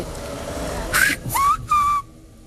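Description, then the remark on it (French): The Spanish word "hermano" rendered in whistled speech: three quick whistled syllables with sliding pitch, the middle one rising and the last held steady before stopping abruptly. No one talks. “Parce qu'il y a des consonnes qu'on ne peut pas siffler.”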